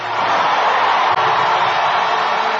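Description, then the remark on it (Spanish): A large crowd applauds for the King and cheers loudly in a shout of victory, a dense, steady wash of clapping and shouting without a break for a few seconds. “¡Un aplauso al Rey! ¡Un grito de victoria!”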